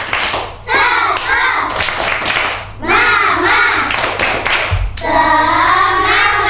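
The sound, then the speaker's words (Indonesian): A group of kindergarten children from TK Maranatha chant loudly in unison, doing the 'tepuk semangat' spirit-clap call-and-response ('Mana semangatmu? Ini semangatku'), punctuated with sharp, rhythmic hand claps, energetic throughout. “Mana semangatmu? Ini semangatku. Mana suaramu? Ini suaraku. tepuk semangat.”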